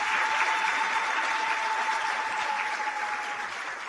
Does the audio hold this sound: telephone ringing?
no